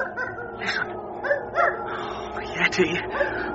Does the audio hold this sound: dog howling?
yes